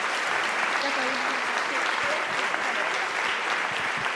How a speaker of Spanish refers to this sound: Así que un aplauso muy grande para estos 5 niños de Enclave.